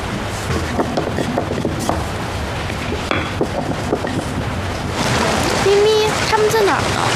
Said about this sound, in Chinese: 外面下雨，妈妈拿把伞。